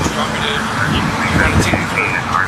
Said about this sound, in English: but I understand that it is loud. Yeah, his car is flying by everywhere.